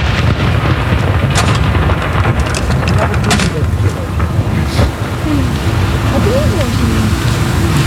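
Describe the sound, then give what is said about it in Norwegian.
The second shot of a cannon salute from Akershus Fortress in Oslo, Norway booms, its deep rumble rolling on under steady wind noise, with faint voices of a crowd watching from the quay mixed into the background. “Jeg ser også nede på kaja her rett ned for Akershus festning så står det folk og ser opp hit stille og rolig og få med seg salutene derfra nede på kaja Andre kanon!”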